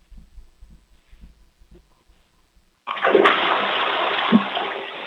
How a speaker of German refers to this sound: Wow, das ist ja eine tolle, laute Klospülung